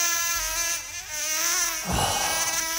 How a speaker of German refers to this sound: So, eine nervige Mücke.